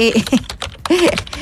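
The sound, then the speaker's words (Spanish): Rapid clicking of keys on a computer keyboard while weather information is being looked up, a fairly loud irregular run of taps, with a voice murmuring underneath part of the time. “así suena mi teclado.”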